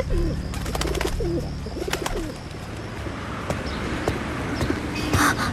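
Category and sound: bird, pigeons cooing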